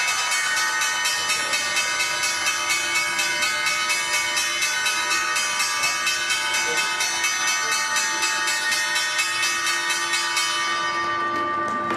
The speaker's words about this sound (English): The bells bring an end to the trading day at the NYSE. Sony ringing the bell, and at the NASDAQ, Microsoft in honor celebration of Hispanic Heritage Month.